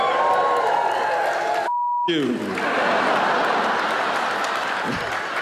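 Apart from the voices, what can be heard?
audience cheering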